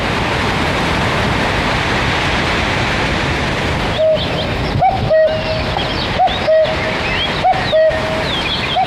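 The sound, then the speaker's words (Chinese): A cuckoo calls repeatedly in two-note pairs over a steady rushing background like flowing water, in the mountain countryside of the Ailao Mountains, China. The calls begin partway through and sound clear. “山野间传来布谷鸟催春的信息”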